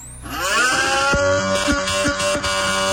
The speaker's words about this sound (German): Ich würde sagen, das ist ein Formel-1-Auto. Und das ist richtig!